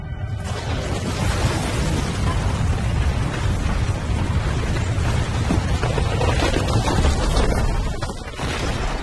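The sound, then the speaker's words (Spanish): A sustained, heavy rumbling roar of collapsing mud-brick city walls, with deep low-end crumbling and a dense crashing wash that holds steady for several seconds before easing off near the end. No voices. “Y los muros se derrumbaron.”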